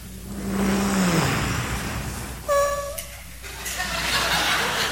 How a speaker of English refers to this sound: They try to be as quiet as possible to get into that house. So what do? They drive up into the driveway with as least noise as possible with that car.